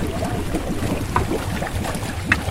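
A small waste-collecting catamaran boat, designed in France by Efinor, hums steadily as it collects floating waste in the Baie des Anges; a low droning rumble with occasional splashes and lapping water, no voices.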